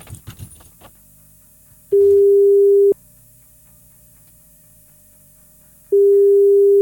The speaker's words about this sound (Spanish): Oye, ¿hacemos el llamado telefónico? Hacemos el llamado telefónico. Le avisamos, avísale por el momento que No sé, si ya estamos le avisé, dale nomás. llamando, a ver. Ahí está llamando.